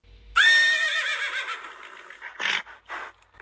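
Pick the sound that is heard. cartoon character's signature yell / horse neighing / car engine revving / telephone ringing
horse neighing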